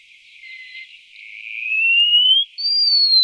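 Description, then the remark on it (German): A wallcreeper gives thin, high whistles: a long note slowly rising in pitch, then after a brief break a higher, steady whistle, growing louder, with no voices. “Der Mauerläufer.”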